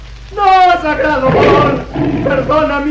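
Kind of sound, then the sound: sound effect, tiger roaring menacingly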